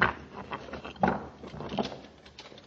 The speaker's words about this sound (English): Commander, I think he's going to open the door.